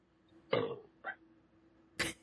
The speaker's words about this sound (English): Oh, I wish I could burp right back at you. I just don't have it in me right now.